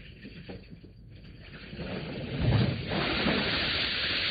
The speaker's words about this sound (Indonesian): Bak gejolak ombak menerjang pantai, bagai gemuruh lahar mendidih di dada gunung Merapi.